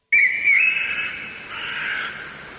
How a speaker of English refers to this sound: Third one is a little bit different. It doesn't have that background. It's forest sounds.